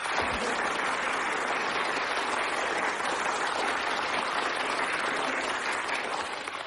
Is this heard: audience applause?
yes